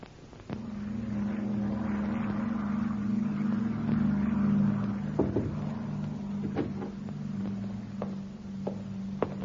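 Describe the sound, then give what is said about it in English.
An arriving propeller aircraft's engine drones steadily, a deep continuous hum that swells slightly then eases, with a few sharp clicks and knocks scattered over it. “Plane is in, sir, and here is the passenger list.”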